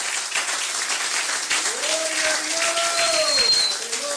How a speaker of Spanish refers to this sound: Un aplauso a Cristo en esta bendita noche, aleluya. ¡Oh, gloria a Dios! Déselo fuerte al Señor.